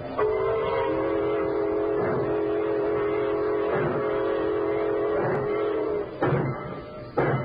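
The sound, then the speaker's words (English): A freight train gets underway, a long sustained horn blast ringing loud over a low rumbling engine, ending with a couple of short clanking bursts. “She's pulling out.”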